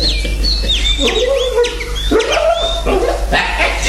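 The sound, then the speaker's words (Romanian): Several caged parrots and canaries on a terrace chirp and tweet busily, quick whistled calls overlapping with lower squawking notes, steady throughout with a low constant hum underneath. “a trecut pe terasă să se întrețină cu papagale și canarii din colivii.”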